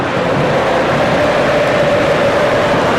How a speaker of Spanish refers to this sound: Escuche usted los cánticos de la afición, disfrute como si estuviera en las tribunas en este estadio de Miami.